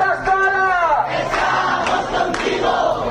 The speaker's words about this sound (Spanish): Hace unas semanas le notificaron que debía abandonar la vivienda y hoy decenas de vecinos de su barrio se han concentrado ante su puerta para impedir el desahucio.